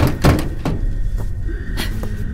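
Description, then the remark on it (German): Several heavy, irregular thuds of someone banging on a door, the first ones loud and close together, then a few more spaced out, over a low steady hum. “Können Sie die Tür öffnen?”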